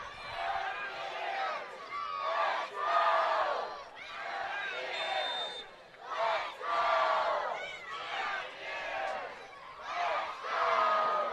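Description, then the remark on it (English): A rowdy stadium crowd at an NCAA game in Morgantown cheering loudly, a dense continuous roar of many voices that rises and falls in repeated swells, almost like a rhythmic chant, throughout. “And you can hear this crowd getting rowdy here in Morgantown.”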